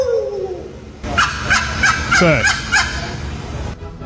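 A turkey gobbler lets out a loud, rapid gobbling call lasting a few seconds, a burst of quick warbling pulses, preceded by a brief faint descending tone.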